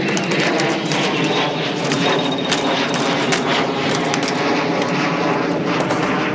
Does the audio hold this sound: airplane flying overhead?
yes